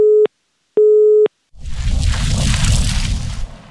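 Two loud steady telephone busy-tone beeps sound in a regular rhythm, then cut off as a loud, roaring, rumbling burst of noise takes over for the remaining couple of seconds.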